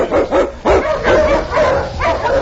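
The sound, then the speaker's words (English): A sled dog, King, an Eskimo lead dog in the Yukon, barks repeatedly and loudly: a rapid series of sharp, rough barks in quick succession with no pauses for talk. “The Wonder Dog King, swiftest and strongest of Eskimo lead dogs, blazes the trail through storm and snow for Sergeant Preston as he meets the challenge of the Yukon.”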